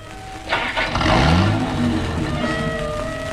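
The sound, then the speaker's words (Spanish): A car engine starts up and revs, its pitch rising and then settling into a steady hum as the car resumes moving and pulls away, fairly loud, with no voices. “El auto reanuda la marcha.”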